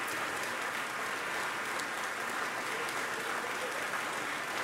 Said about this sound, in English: She's back on stage acknowledging the applause here in Bennett Gordon Hall.